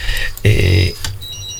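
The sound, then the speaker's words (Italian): A telephone rings with an incoming call, a bright, buzzing electronic trill that swells into one loud burst, then fades into softer tones over a low hum. No one speaks. “Un attimino che prendo la telefonata, poi andiamo a sentire la canzone”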